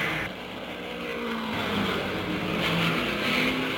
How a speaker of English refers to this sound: The tires are already changed. The jacks go down, and there goes Keller out of the pit just that fast.